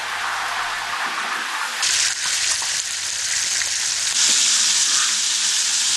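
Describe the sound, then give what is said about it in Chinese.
A steady, crackling sizzle of a whole fish, scales left on, frying in hot oil in a large wok over a big stove fired with pine needles and dry firewood for eight-sided fried fish, loud, with a brighter surge of hissing partway through and a few soft clinks; no voices. “做八面煎鱼的工序最讲究的是火候，大锅大灶才能提供足够的施展空间，火力的大小至关重要，松毛干柴做燃料，煎制出来的八面煎鱼才算地道。”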